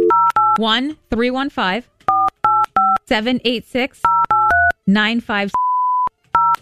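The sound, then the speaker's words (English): Phone keypad tones beep one after another as a number is dialed, broken up by bursts of people talking in between, then a longer steady tone sounds near the end. “Should we call the number and see what happens?”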